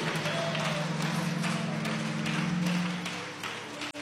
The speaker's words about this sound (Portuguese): E a igreja diz: recebamos a serva do Senhor com palmas para Jesus.